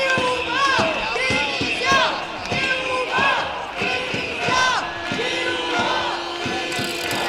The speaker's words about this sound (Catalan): Al llarg del recorregut s'hi han sentit crits com menys policia, més educació, lluitant, també estem educant, i també això.